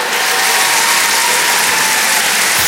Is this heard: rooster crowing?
no